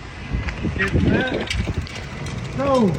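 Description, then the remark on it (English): A bicycle freewheel ratchet clicks in a quick, steady patter throughout, with brief murmured voice-like tones rising over it and a rush of wind underneath, from a bike ridden in a half marathon from Kotzebue's front street in the Northwest Arctic, on mostly dirt roads and a rocky shoreline, on a windy, overcast Saturday. “I'm one of them, the only biker in the race on a course of mostly dirt roads and a rocky shoreline.”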